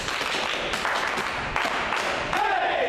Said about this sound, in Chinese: 哎，给张彪组长鼓掌。